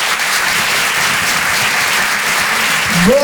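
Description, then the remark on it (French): A crowd at the Apollo applauds comedian Gaëtan Husson as he is introduced on stage, a dense, even wash of many hands clapping at full volume for the whole stretch, with a brief rising whistle near the end. “Faites du bruit s'il vous plaît pour Gaëtan Husson.”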